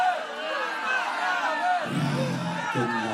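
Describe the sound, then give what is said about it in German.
A concert audience of many voices shouts and calls out together for an encore in a loud, continuous din, with a deeper surge of voices joining partway through. “Also bei uns im Rheinland macht man immer so, ruft das Publikum immer noch was.”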